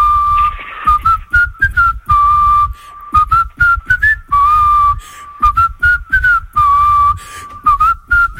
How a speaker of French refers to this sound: C'est … qui sifflote et ce matin, il va vous siffler les paroles d'une chanson d'une chanteuse américaine très connue.